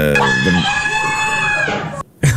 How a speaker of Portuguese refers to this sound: E já agora, acho que podemos ouvir o grito da professora também. Eu também tenho aí o grito da professora.